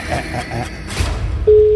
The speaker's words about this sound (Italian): Chi vince se la canta, questo è già il primo squillo.